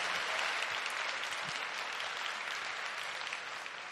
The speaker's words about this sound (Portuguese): Se Ele está, dê uma salva de palmas ao Senhor bem forte.